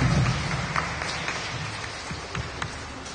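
A crowd applauds steadily for a few seconds, a dense wash of overlapping claps with a few sharper hand claps standing out, at moderate volume with no one speaking.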